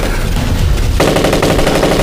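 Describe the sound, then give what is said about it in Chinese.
Heavy gunfire from Japanese troops in a night attack, few in number but with fierce firepower: sustained, rapid machine-gun bursts rattle continuously, growing denser and louder after the first second, with no voices heard. “鬼子的人数不是很多，火力真的娘的猛。”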